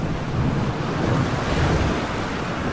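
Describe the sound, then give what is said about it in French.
Rough sea waves pound against a boat hull at 4 a.m. on a raging sea in pounding rain, a loud, continuous wash of churning water with steady wind roaring over it and no voices. “Imaginez, 4h du matin, la mer est déchaînée, des vagues martèlent la coque.”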